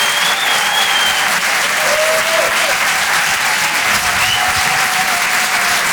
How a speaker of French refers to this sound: On peut l'applaudir très très fort, s'il vous plaît.